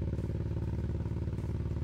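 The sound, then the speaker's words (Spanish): The engine of rally car number 24 rumbles loudly as it sets off from Muyurina, a deep, steady throbbing drone with a slight rattle, running continuously with no voices over it. “Ahí está el coche número 24, ya que está saliendo está, desde Muyurina.”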